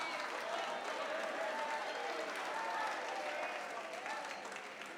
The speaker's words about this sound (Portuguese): Pode louvar ao Senhor, pode louvar com as palmas.